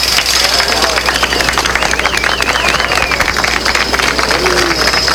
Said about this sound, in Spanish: Aplausos que surgieron en medio del caos para marcar el momento en el que fue hallada con vida una persona en medio de las ruinas de este edificio en Caraballeda